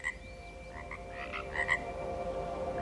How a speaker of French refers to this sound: Voilà, il y a des grenouilles, il se trouve que c'est l'être vivant qui survit. Et le croassement des grenouilles, c'est vraiment un son auquel je me suis habituée.